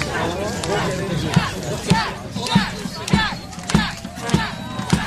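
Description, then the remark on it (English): A large crowd cheers and shouts loudly all at once, many voices overlapping, while a steady, heavy thump beats underneath roughly twice per second like a marching drum, as a procession arrives at the top of a steep slope where the crowd waits. “The procession marches to the top of a steep slope where a growing crowd eagerly awaits.”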